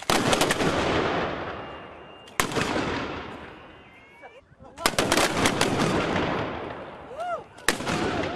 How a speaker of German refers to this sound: Danach gab es gleich zwei Salutschüsse zu Ehren des Fürsten. Zu Ehren Fürst Leopold, den Erst von Anhalt, Feuer!